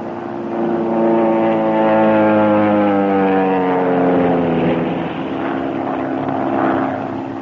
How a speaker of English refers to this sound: I would suggest we all sit perfectly still. Make no move as the plane goes over. And concentrate on trying to discover their purpose in these repeated dives.